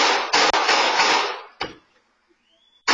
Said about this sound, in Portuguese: Momentos depois, dá para ouvir os disparos.